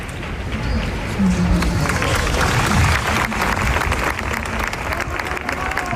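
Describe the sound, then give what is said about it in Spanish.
A crowd at the protest camp in Sol breaks into sustained applause after a minute of silence held during an assembly, dense and steady clapping with a murmur of voices underneath, holding at an even loud level throughout. “Enseguida han llevado a cabo un minuto de silencio que terminaba en aplausos, como los que escuchamos ahora.”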